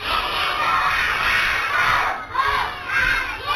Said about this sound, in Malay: Tepuk tangan dulu dah, luar biasa. Mana suaramu?